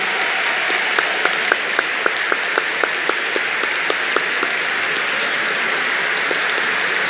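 A crowd applauds steadily, a dense wash of clapping with a few sharper individual claps standing out in a loose rhythm, sustained at an even level throughout with no voices, for the new bishop of La Vega as the Nuncio accompanies him to his seat.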